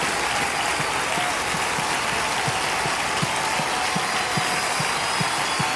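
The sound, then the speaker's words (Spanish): A church audience applauds loudly and steadily for the Lord, a dense wash of clapping that fills the whole clip, with a faint regular thump pulsing underneath. “O darle ese aplauso fuerte al Señor y dile, Señor, gracias.”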